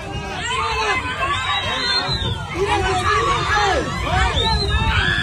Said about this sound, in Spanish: la gente ya mira, grita, ya está llorando la hermana y se escucha diciendo, él no sabe nadar.